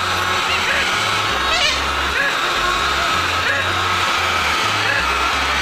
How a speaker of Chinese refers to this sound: 所以当时我走到一个叫马姆卡拉的地方，在这个地方呢有一片大的沼泽，这沼泽边上的这些树林里头生活着大量的鸟类，整片树林里鸟的叫声此起彼伏。 再感受一下这林子里的鸟叫声